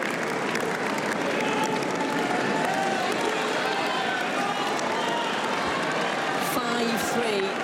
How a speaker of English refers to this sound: A loud cheering in round centre court. Linda Noskova getting the opportunity to serve out the match.